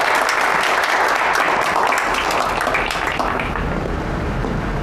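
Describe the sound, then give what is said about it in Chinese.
Sustained applause from a large audience welcoming a speaker to talk about the heritage and innovation of internet people; dense, steady clapping at full volume throughout, with no voices standing out. “来，掌声有请。”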